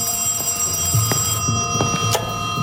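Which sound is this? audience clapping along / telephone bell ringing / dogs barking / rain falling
telephone bell ringing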